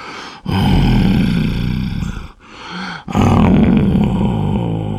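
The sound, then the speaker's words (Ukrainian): An uncle asleep behind a door snores loudly and roughly in two long rasping breaths with a brief softer pause between them, the low growling drone carrying a strange moaning, groan-like tone. “він почав хропти з якимось дивним стогоном.”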